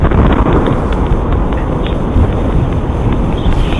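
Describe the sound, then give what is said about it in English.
The sonic boom of a meteor exploding in the atmosphere, picked up by a Ring doorbell camera in Massachusetts: a loud, continuous low rumble with rough, crackling texture that rolls on for several seconds without easing, and no voices. “You can actually hear the sonic boom as it happens.”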